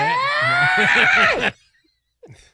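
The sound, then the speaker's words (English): A woman lets out a loud, strained scream while tormenting a man, holding it for about a second and a half, then cutting off into silence before a brief faint noise at the end. “Why did you say it in the cadence of that woman screaming while tormenting that poor man?”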